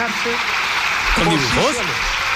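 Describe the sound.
Steady, dense applause from the government members fills a parliament chamber, a continuous crackling wash, while a man's voice speaks briefly over it.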